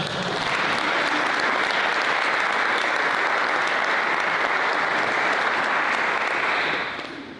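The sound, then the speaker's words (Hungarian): A live audience breaks into sustained applause, a dense wash of clapping that holds steady for several seconds before tapering off at the end, with no voices over it. “Egy tapsot kérek.”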